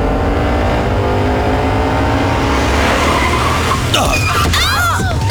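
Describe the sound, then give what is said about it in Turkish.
A car engine hums steadily, then tires screech in a sharp, high-pitched skid as the driver brakes hard because someone suddenly cut in front, the squeal warbling loudly for about a second before cutting off. “Baba, o nasıl fren öyle?”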